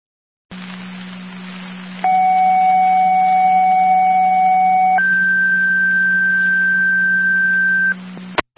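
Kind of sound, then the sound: signal or alarm, fire dispatch paging tones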